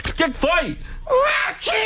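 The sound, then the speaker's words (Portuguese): A voice asks a short question about the meaning of the English word 'watching', then blurts out 'watching' shaped like a sneeze, a sharp, breathy burst imitating an achoo, loud and quick within the talk. “É um espirro, você viu? Ah, tá, é como se fosse um espirro.”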